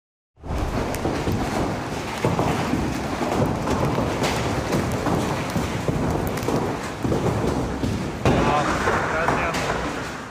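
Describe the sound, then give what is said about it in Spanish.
A heavy hailstorm with large hailstones in Asunción, Paraguay roars steadily, with dense pounding rain, sharp impacts of ice striking vehicles and house roofs, and low thunder rumbling beneath, loud throughout. “Videos captaron la caída de piedras de hielo que dañaron vehículos y techos de viviendas, además de dejar cortes de energía en varios sectores.”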